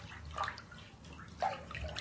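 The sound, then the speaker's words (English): Water sloshes and splashes in a bathtub, with two brief, louder splashes rising over a steady, low watery churn. No one speaks. “Here we are in the tub. Splish splash.”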